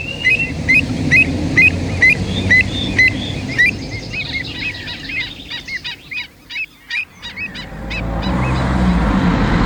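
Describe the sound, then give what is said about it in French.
A flock of migratory, geese-like birds honks repeatedly in rapid, overlapping calls, fairly loud, over a low rumbling outdoor background that swells toward the end. “J'observe les oiseaux migrateurs. Je me demande ce qu'ils en pensent.”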